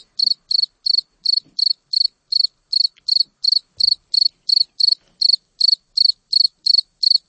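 A cricket chirps alone in a steady, even rhythm, about twenty high-pitched trilling pulses in quick succession, each one loud and clear against a silent background; 23 chirps are counted in 8 seconds, and it was 28 degrees when the cricket was recorded.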